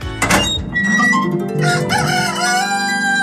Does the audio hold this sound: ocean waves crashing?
no